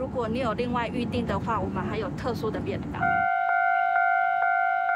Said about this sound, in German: Japan ist das große Vorbild. So stammt auch der Warnton der Bahnübergänge von der japanischen Eisenbahn.